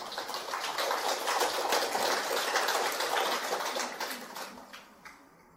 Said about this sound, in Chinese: 大家鼓掌可以前后鼓一下就可以啊，这样大家才不会太累。哦，这个鼓掌啊也是看时机啊，或者是前后啊，开始前或者讲完之后，或者都没鼓也没关系的啊。